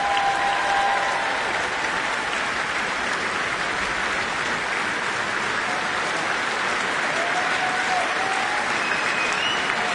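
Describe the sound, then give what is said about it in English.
Sustained, dense applause from a large audience at the Royal Albert Hall after an orchestral and choral concert programme, a steady wash of clapping that fills the space at an even level for the whole stretch, with no voices standing out. “Well, the crowd here at the Royal Albert Hall clearly loved that programme.”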